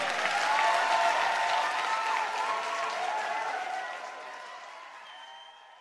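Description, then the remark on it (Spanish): An audience claps steadily in a dense wash of applause, loud at first and gradually thinning and fading out toward the end. “Un aplauso para Pablo Cifuentes, por favor.”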